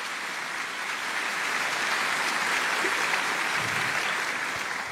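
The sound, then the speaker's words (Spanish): An audience at a Spanish-language Christian sermon applauds steadily for several seconds, at the preacher's call, a dense, even wash of many hands clapping together, fairly loud and sustained without pause, with no voices standing out. “Dale un aplauso grande si está entendiendo la palabra.”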